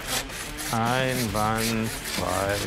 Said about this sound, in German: Jetzt mal schön sägen. Nicht drückend sägen.